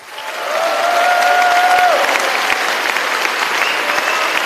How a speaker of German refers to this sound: Tobender Applaus, frenetischer Jubel, geschmeichelt wird sie die Geltungssucht des Roger Köppel.